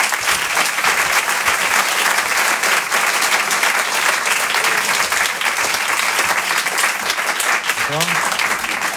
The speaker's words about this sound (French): Le Rire et Chansons Comedy Club. Et je vous demande de l'applaudir très fort. Il s'appelle Jérémy Crédeville.